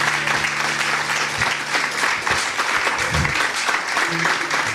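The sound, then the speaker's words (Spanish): An audience applauds the Lord, a dense wash of many hands clapping together at once, sustained and fairly loud throughout with a few faint low tones underneath. “Démosle un aplauso al Señor por ellos.”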